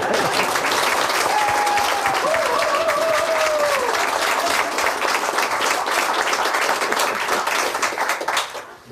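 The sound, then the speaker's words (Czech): A large audience breaks into loud, sustained applause, dense clapping for several seconds before it fades at the end, with a faint whistle rising briefly early on. “Přesto sklidíte bouřlivý potlesk.”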